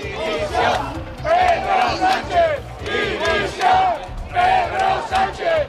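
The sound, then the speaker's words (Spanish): A large protest crowd in Toledo, Spain, at a rally over Ceuta shouts against the government in unison. The chanted bursts are rhythmic and rise and fall in waves, loud and continuous, with no single voice standing out. “También se han escuchado gritos contra el gobierno en lugares como Toledo.”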